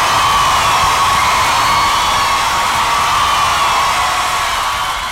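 A loud, dense wall of crowd applause and cheering that holds steady for several seconds, with scattered whoops and shouts mixed into the continuous roar.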